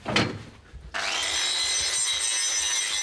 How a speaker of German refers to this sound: Diesen Feinschliff mache ich dann mit der Flex.